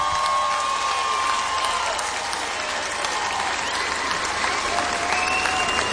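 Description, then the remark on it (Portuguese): Steady, dense applause from a large audience for the Orquestra Sinfónica de Cascais (Cascais Symphony Orchestra) fills the whole stretch, a continuous wash of clapping with a few faint tonal whistles or cheers riding on top. “Uma salva de palmas para a Orquestra Sinfónica de Cascais.”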